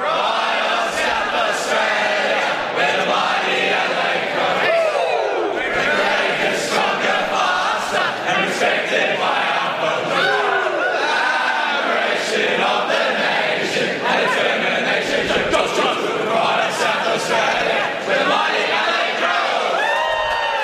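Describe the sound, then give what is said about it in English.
Football players and their mums, arms linked around the outside, sing the club song together after a 37-point win, loud and continuous, with shouts and cheers mixed into the group singing throughout. “the mums weren't having it, so they're going to link arms around the outside and sing with them.”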